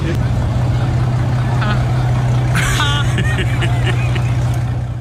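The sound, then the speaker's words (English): A supercar's engine in Monte Carlo runs with a steady, loud low drone throughout, while people talk over it partway through. “That car sounded like the hood up.”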